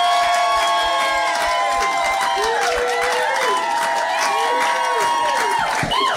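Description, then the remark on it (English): A small studio crowd in a radio show's breakout room cheers and whoops loudly, with scattered hand claps and overlapping excited voices throughout, continuing steadily for several seconds, during the Friday Feels sessions on the Jonesy and Amanda drive-home show. “and we've got a bit of a crowd as well.”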